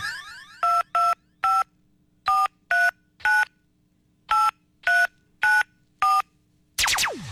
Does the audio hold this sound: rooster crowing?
no